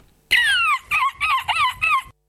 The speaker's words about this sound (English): Okay, that was correct. It was a bird at the end.